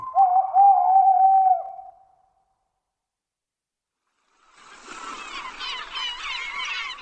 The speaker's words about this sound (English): Down by the sea, I heard a bird. Mew, mew! I said to the seaside bird I heard, and who are you? I am a gull, a seaside gull. How do you do, mew? Mew, mew!